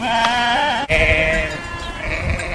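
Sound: goats bleating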